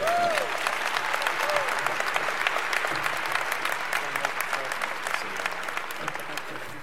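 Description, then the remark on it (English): Sustained applause from a large crowd at Savior's Day 2014 in Detroit, welcoming student minister Troy Muhammad of Mosque Number 1 to the podium; dense clapping at a steady loud level, tapering only slightly toward the end. “A round of applause to student minister Troy Muhammad.”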